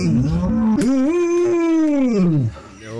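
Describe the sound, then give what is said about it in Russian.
A retriever dog lets out a long, drawn-out moo-like vocalization, loud, rising then sliding down in pitch, mimicking a cow's moo for about two and a half seconds. “Я знаю, что вы хотите послушать, как ретривер научился мучать.”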